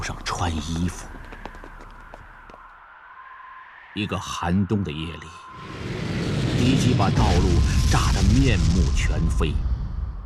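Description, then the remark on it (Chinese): Voices shout over a few seconds of relative quiet, then an enemy air attack erupts on a transport team that has just waded across an icy river in winter: a loud, sustained roar of aircraft and explosions fills the rest, with urgent shouting continuing underneath. “还来不及穿衣服，敌人的飞机就过来了。”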